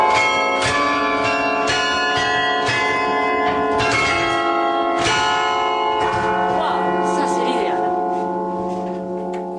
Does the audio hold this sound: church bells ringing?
yes